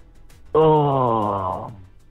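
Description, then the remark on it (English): A single drawn-out vocal yawn, loud, its moaning tone sliding gently downward for about a second before trailing off into quiet. “No, get your yawn out of the way.”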